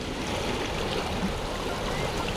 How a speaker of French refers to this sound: Parlez plus fort ! Le bruit du vent couvre vos paroles !